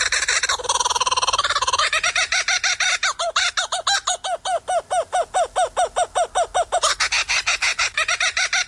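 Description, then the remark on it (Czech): A laughing kookaburra call at its original speed: rapid, rhythmic cackling notes that start with a rising chortle, settle into a fast series of repeated hoots, then swell into a loud raucous burst at the end. No talking. “já mám připraveného i smějícího se ledňáčka originál, no a ten se směje takhle.”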